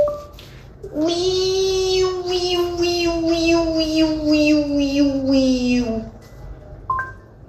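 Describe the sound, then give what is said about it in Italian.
A human voice imitates a Japanese cicada, speaking 'cicada language' to a Google digital assistant, with one long, loud, buzzy drone lasting about five seconds, pitch sinking slightly, overlaid with rapid rhythmic pulsing. A short tone follows. “Ho provato a parlargli con lui in cicalese giapponese, giustamente, interpretando anch'io una cicala giapponese, per vedere cosa mi avrebbe risposto.”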